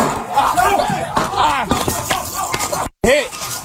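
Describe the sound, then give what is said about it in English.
Several sharp gunshots crack at close range in an irregular burst, fired by a suspect at Hernando County Sheriff's SWAT deputies breaking down his door in Spring Hill, recorded on body cam, mixed with urgent shouting voices and a chaotic background, cut by a brief dropout near the end. “allegedly fired multiple rounds at the deputies at short range”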